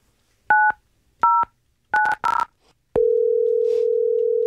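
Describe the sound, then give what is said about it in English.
Four short two-note keypad beeps as a phone number is dialed at an uneven pace to call a pet shop, then a steady, unbroken telephone tone hums on to the end. No voices are heard. “But we did take some of those sounds and we called this pet shop.”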